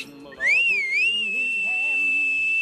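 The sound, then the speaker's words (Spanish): Actor Lee Marvin lets out a long, loud, shrill whistle on a film set, bending up and down in pitch before settling into a steady sustained tone, prominent, with faint murmuring beneath it. “Un día Ford llegó al set y cuando le vio entrar, Lee Marvin lanzó un largo y ruidoso silbido para avisar a los demás.”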